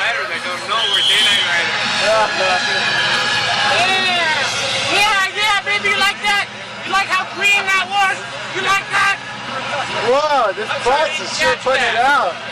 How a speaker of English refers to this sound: Whoa, this bus is sure putting it out.